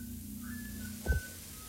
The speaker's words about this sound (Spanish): Silbidos aterradores.